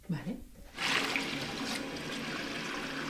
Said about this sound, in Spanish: Ahora estamos mezclando el agua a 20 grados con el revelador, que es este 110, esto es para los frikis fotógrafos, ¿vale?